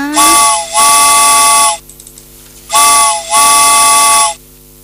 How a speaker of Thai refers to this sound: เอาล่ะรถไฟออกก่อนนะ